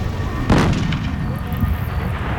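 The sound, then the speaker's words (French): A single loud, explosion-like boom bursts out near the start, followed by a deep rumble that lingers and rolls on for a couple of seconds; a strange noise at night during a thunderstorm, resounding for kilometres around, just above William Mac Brazel's farm. “Un bruit étrange, comme une explosion qui retentit à des kilomètres à la ronde.”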